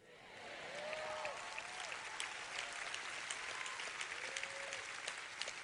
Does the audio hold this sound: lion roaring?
no